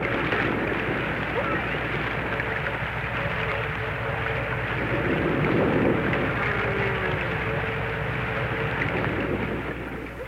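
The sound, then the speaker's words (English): A dense, steady wash of deep-sea underwater noise heard 200 miles out in the Pacific and 2,000 fathoms down: a low rumbling hiss with faint droning tones drifting through it, unbroken from start to finish. “And these are the unknown sounds one hears 200 miles out in the Pacific and 2,000 fathoms down in the depths of the sea.”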